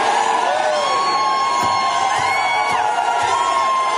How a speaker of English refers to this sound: And they're all jeering and they're ignorant. Listen to them. They're mental. Every day is Scream at the Sky Day.